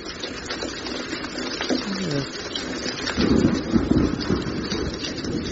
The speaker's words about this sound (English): What's that noise? It's raining.